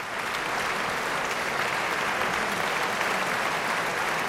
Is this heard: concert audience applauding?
yes